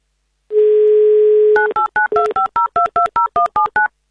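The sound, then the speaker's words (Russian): A steady low dial tone hums for about a second, then gives way to a quick run of about a dozen touch-tone beeps as a radio presenter dials a listener's phone number for the Avtoradio game "Mnogo deneg". No voices. “Звоню.”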